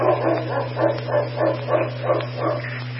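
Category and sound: animal, dog barking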